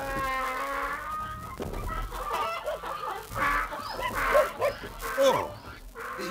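A female donkey brays loudly, a long drawn-out call at the start, followed by a busy jumble of farmyard animal noises.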